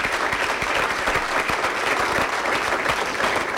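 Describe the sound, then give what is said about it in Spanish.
Steady, loud applause from an audience at a church novena on its ninth day, clapping for invited guests: a dense patter of many hands clapping evenly throughout with sharp individual claps standing out, no voices heard. “Brindemos fuertes aplausos a nuestros hermanos invitados.”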